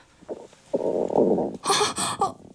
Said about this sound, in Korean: 알람이 울려 기사 하나를 더 스크랩했을 때 갑자기 뱃속에서 꾸르륵 하는 소리가 났다.